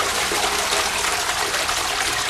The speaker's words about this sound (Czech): No ne, tak jako klasický zvuk známe záchoda je tohle.